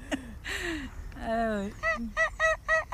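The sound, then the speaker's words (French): Wild geese honking in a rapid series of nasal, harmonic calls, the last several coming in a quick rhythmic burst, loud against a quiet outdoor background. “Le canard sauvage, des oies sauvages.”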